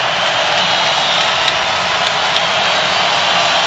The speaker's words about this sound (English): Crowd very much alive. You can hear him roaring now for this Broncos defense.